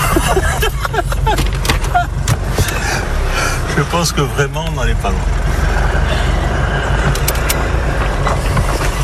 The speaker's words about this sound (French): Alors, ça, c'est un 4x4. Tout terrain.